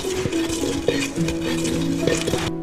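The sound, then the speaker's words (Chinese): A wooden pestle grinds tea leaves to a fine powder for lei cha porridge. The ridged bowl is made for the dish and held on the lap while seated. It makes a steady scraping, rubbing sound with faint ringing clinks of the bowl, carrying on continuously without talk. “对，直接把茶叶放在这里面， 把它擂碎。”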